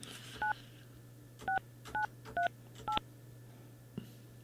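telephone dialing tones

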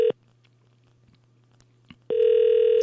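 telephone call ringing

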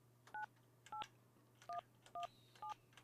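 telephone keypad dialing tones

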